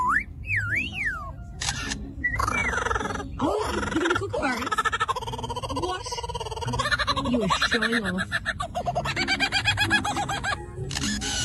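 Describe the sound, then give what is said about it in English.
A bird pours out a rapid, varied string of calls: swooping whistles, warbles, gobbling notes and sharp mechanical clicking bursts, loud and running nearly continuously. “this animal is capable of making a lot of noises”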